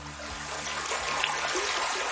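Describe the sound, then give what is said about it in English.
Gold Creek, a mountain stream at the headwaters of the Yakima River high in the Cascade Mountains, flows steadily, its broad rushing hiss filling the scene with constant bubbling and trickling water, with no voices. “The headwaters of the Yakima River begin high up in the Cascade Mountains, here at a stream called Gold Creek.”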